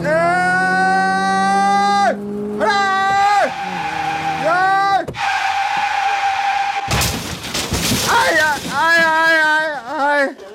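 A car crash in a Radio Mirchi prank call: tires squeal in three long, wailing skids, then a sudden loud crunching impact, followed by warbling, siren-like tones as the wreck settles.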